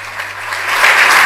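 An audience at the Orden de la Campana award ceremony applauds a recipient of the award for community action, with dense, steady clapping that swells slightly louder toward the end, many hands blending into a continuous wash of sound.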